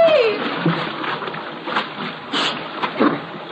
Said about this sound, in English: Is it holding all right? Yeah, so far. Hey, Mitchell, the bridge is collapsing.